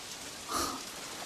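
Steady rain patters down in a soft, continuous hiss, swelling briefly for a moment before settling back to an even, gentle wash. No voices, just the rain alone.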